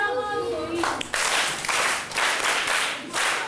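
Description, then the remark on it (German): A burst of group applause in a school classroom in Africa, given for a correct answer written on the board: dense and steady clapping with a rhythmic pulse of about three beats per second, following a brief high-pitched voice or cheer at the start. “Da muss man ein richtiges Ergebnis an die Tafel schreiben und dann gibt es einen Applaus.”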